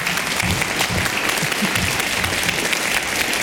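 Steady applause from an audience, a dense wash of many hands clapping at an even, sustained level throughout with no speech over it.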